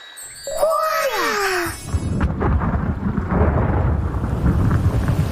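A crack of thunder rumbles out first, followed by steady, dense rain pattering down for several seconds, with some faint tinkling tones mixed in at the start.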